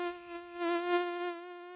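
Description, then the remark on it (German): An adult mosquito whines in flight, a thin, steady high-pitched buzz that swells slightly louder midway as it passes, then holds on. No voices. “Aber ganz egal, wo sich die Jungen wiederfinden, nach nur ein paar Wochen im Nass sind sie bereit, es hinter sich zu lassen und als erwachsene Tiere durch die Luft zu summen.”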